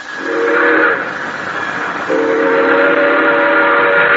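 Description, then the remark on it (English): A train whistle screams in two long, loud blasts over the steady roar and hiss of an express train rushing past at night in San Amado, a prairie town where it does not stop except on signal. No one speaks. “An express train roaring by.”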